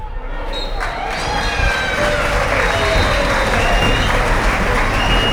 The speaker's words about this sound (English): It's the 64 travelling Cobblers supporters celebrating a 3-1 win away at Southend United. Wasn't a massive crowd, was it?